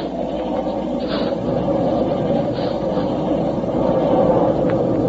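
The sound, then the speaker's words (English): A steady, heavy rumble of a runaway steam locomotive rolling along, with brief hissy bursts of steam over the churning drone, growing slightly louder toward the end. No one speaks. “I mean we're meeting with this engine and knocking it off the track.”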